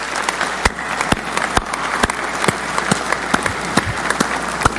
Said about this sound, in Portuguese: Uma salva de palmas para esses jovens mais uma vez.